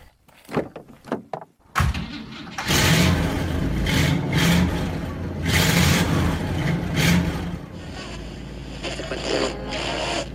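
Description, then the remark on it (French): A few quick thumps and clunks, like a car door shutting, then the engine of a big Chevrolet car roars, revving in surges as the car pulls away onto the road and settles into a steady drone. “Voilà, allez, on est en route avec notre grosse voiture.”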